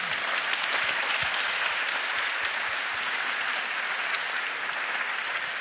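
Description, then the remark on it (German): Sustained applause from a large audience fills a hall as the audience applauds itself at the end of an evening event, a dense, steady wash of clapping hands at even loudness throughout, with no voices standing out. “Also geben Sie sich bitte selber noch einmal einen Applaus.”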